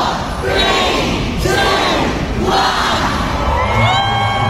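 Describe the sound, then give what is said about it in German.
Thousands of Harry Potter fans gathered at a railway station in London shout a countdown in unison shortly before 11 in the morning. The chant comes in loud rhythmic bursts about once a second, with excited cheers and high children's voices rising over the dense roar. “Auch heute Vormittag haben sich abertausende Harry Potter Fans dort versammelt und haben kurz vor 11 den Countdown gestartet.”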